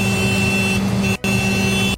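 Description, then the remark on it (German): A tractor horn, mounted on the side of the tractor, honks twice to signal the early-shift breakfast, in long, loud, steady blasts with a brassy, buzzing tone, separated by a brief gap before the second blast cuts off abruptly. No voices are heard. “Aber wo ist denn die Hupe? Ja. Hier an der Seite ist genau. Die Hupe.”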